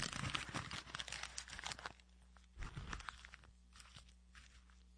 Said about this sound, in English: By the way, I just noticed, now we're in the old Rush Limbaugh studio, and it sounds, he used to fold up the paper, that's my tribute, and it sounds much better in the studio.